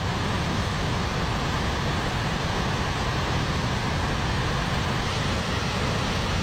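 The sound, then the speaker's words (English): A steady, dense roar of heavy rain and rushing floodwater during flash flooding across the Midwest and West, loud and unbroken for several seconds with a deep rumbling low end and a hissing wash on top. No voices are heard. “Rounds of heavy rain triggered significant flash flooding across the Midwest and West.”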